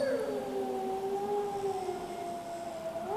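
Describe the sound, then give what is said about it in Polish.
A wolf howls in one long, unbroken note, the pitch sliding gently and wavering before rising slightly at the end. It is loud and clear, with no other sounds around it. “Uwaga, proszę Państwa, teraz będziemy wywoływać wilka z lasu.”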